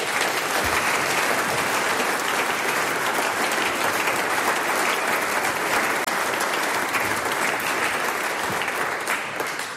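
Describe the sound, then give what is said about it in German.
Sustained audience applause for the Stravanzermusi at the Steirisches Sänger- und Musikantentreffen, a dense steady patter of many hands clapping at a loud, even level for nearly ten seconds, tapering slightly at the very end with no voices over it. “Der nächste Applaus gehört dir und deinen KollegInnen von der Stravanzermusi.”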